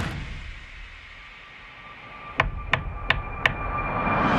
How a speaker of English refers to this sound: That was her knocking on the window of his car after he made the wish.